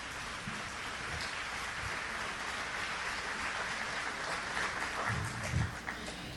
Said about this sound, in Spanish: Un aplauso al Señor, que es un Señor de orden.